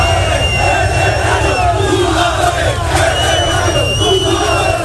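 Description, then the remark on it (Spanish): A large crowd of fans shouts and jeers continuously as the Mallorca team bus leaves the stadium after the club's relegation to the second division: a dense wall of overlapping yells with sharp whistles and cries cutting through, loud and sustained throughout without pause. “Pues muchos gritos, mucha tensión en la salida previa del autocar del equipo.”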